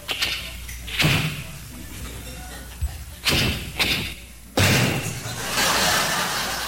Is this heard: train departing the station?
no